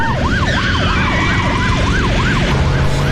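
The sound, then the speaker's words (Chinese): Loud police sirens from several police cars wail in quick rising and falling sweeps over traffic rumble as they race up to a small pharmacy and stop outside it, then cut off abruptly near the end, leaving a low steady engine hum. “接到小药店老板的报警电话不久，几辆警车呼啸而来，停到了小药店门外。”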